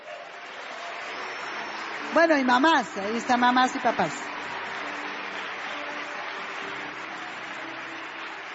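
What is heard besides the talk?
audience applause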